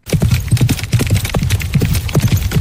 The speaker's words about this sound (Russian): Бега не надо путать со скачками. Отличие в аллюре, или, если проще, в походке лошади. Рысью бегают именно рысаки. А на скачках трехтактный галоп.